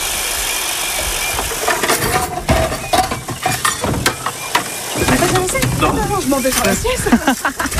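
Dishes being washed outdoors at a campsite sink in Saint-Léo, with scattered clinks and clatters of plates over a steady rushing background of running water and gusty wind, and faint voices murmuring toward the end.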